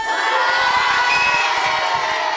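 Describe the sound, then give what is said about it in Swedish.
A crowd of children cheers and screams continuously, loud and high-pitched, a dense wash of excited voices with no single speaker standing out. “Hur låter publiken?”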